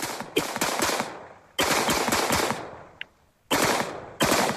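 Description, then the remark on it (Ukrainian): Loud bursts of rapid automatic gunfire as soldiers shoot down drones, several sustained volleys of harsh cracking shots, broken by a short quiet pause before the firing resumes. No one speaks. “І знову військовослужбовці збивають безпілотники.”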